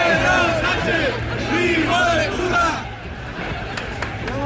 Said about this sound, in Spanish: Este 12 de octubre de nuevo se han escuchado gritos e insultos contra el presidente del gobierno en el desfile por el Día de la Hispanidad.